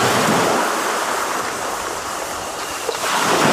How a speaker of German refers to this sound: Wobei man ja denken könnte, so ein Meeresrauschen bringt ein bisschen runter.